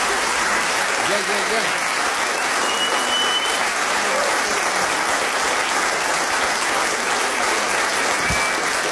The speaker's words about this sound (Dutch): Ik hoef het denk ik niet echt te vragen. Maar mag ik een waanzinnig applaus?